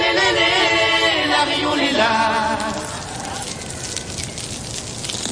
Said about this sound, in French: Tendez l'oreille car ce son est rare. Ce n'est pas du bacon qui frit dans une poêle, c'est le crépitement émis par les coraux quand vous mettez la tête sous l'eau. Ce son a été enregistré par le chercheur Simon Élise.